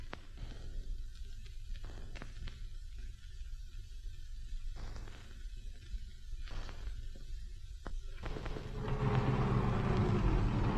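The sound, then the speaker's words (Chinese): A truck engine rumbles steadily as it drives, with occasional clatters and knocks, then grows louder and rougher near the end. “卡车停一下。”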